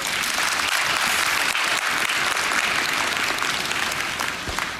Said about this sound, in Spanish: Gloria a Dios, te felicito. Amén, un aplauso para el hermano.